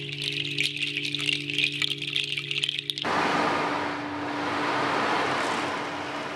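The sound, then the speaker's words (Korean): Water sound during a sound meditation session at a Buddhist temple: a few seconds of light rattling over a low steady hum, then a continuous rushing hiss like flowing water that swells gently and holds to the end. No one speaks. “물소리.”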